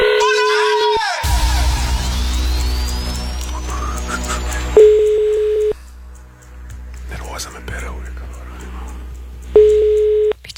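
A telephone line opens with a steady tone, a rapid burst of dialing beeps follows, then two long ringing tones sound about five seconds apart, loud as heard through a handset, calling a person in a town in Croatia.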